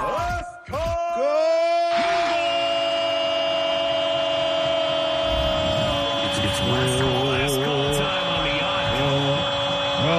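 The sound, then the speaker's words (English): A man lets out a loud, muffled scream, stifled by his hand over his mouth, starting with short bursts and then holding a long, strained howl. “Okay, just because you put your hand over your mouth don't mean you weren't doing it.”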